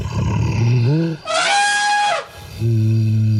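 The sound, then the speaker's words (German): An imagined mammoth call, like an elephant but somewhat deeper: a deep, growling rumble rises into a loud, brassy, elephant-like trumpet blast lasting about a second, then sinks back into a low, steady rumble. No one speaks. “Also wahrscheinlich so ähnlich wie ein Elefant, nur ein bisschen tiefer.”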